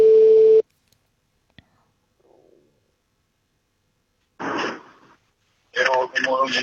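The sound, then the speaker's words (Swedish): A loud, steady phone ringing tone sounds once at the start and cuts off after a brief burst, followed by a click, a pause, and then voices talking over the line, as an outgoing call is made from a car on the way to work in the morning. “Och … är också den enda nominerade jag har, så att självklart ringer jag honom.”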